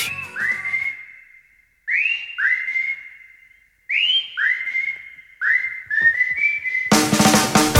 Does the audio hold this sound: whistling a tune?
yes